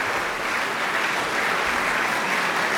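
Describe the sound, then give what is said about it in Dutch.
A chamber concert audience applauds steadily after a performance of the Septet, Opus 20, calling for an encore: a dense, even wash of clapping hands that holds at a constant, fairly loud level with no voices rising above it. “Het publiek laat ze gewoon niet gaan.”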